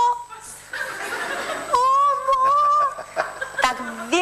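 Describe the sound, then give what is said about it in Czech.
A flock of turkeys, driven to pasture by a young herder at 4 a.m. in Romania, gobble and cackle, several wavering, warbling calls overlapping in quick bursts, loud and nasal, with a brief pause before a final rising call. “Vyhlídnu, koukám, kde táta tam nic, tam bylo milion ptáků, pak jsem si říkala, že to byly krůty, který tam, to bylo někde v Rumunsku, hnal člověk, nějaký pasáček ve 4 hodiny ráno na pastvu, jo.”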